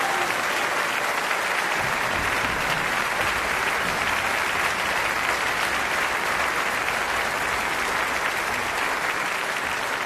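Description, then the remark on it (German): Sustained applause from an audience for the Münchner Rundfunkorchester conducted by Patrick Hahn: a dense, steady wash of many hands clapping at an even loudness for the full ten seconds, with no voices standing out. “Also das muss man auch einmal applaudieren, nicht?”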